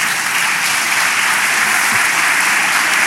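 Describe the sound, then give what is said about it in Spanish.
An audience applauding steadily, a dense wash of many hands clapping at once, loud and continuous for the whole stretch with no voices on top. “Sí, aplaude nomás.”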